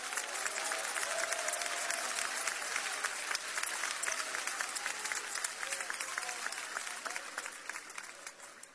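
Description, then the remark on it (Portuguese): An audience applauds for the Lord, a dense wash of many hands clapping at an even level for several seconds, with faint cheers or voices mixed in before the clapping slowly thins. “Podem aplaudir, o Senhor merece.”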